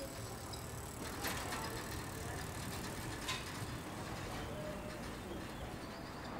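Steady, dense traffic rumble fills a street by Friedberg Castle in the shopping town of Friedberg, Germany, with passing vehicles, brief higher clinks and a faint bird chirp over the continuous low roar.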